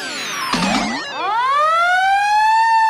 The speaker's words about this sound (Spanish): ¡No! Es el de un camión de bomberos.